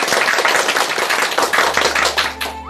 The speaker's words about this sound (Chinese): 接下来我们就请姚教授来为大家示范诵读，我们掌声欢迎。